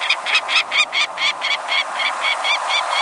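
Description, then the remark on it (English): A mid-sized peregrine falcon's harsh, repeated calling: about a dozen sharp, evenly spaced cries in a steady rhythm, loud and fairly high-pitched, with no voices. “The mid-sized peregrine falcon nests in some locales across the country”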